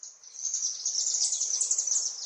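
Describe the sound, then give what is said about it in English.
Continuous high-pitched chittering of recorded chimney swift songs played from a Bluetooth speaker at a chimney swift tower in a village at dusk to lure swifts, a dense, rapid twittering that stays steady for the whole stretch, with no voices present. “Every evening at dusk, we're playing recordings of chimney swift songs in an attempt to lure them into the new space.”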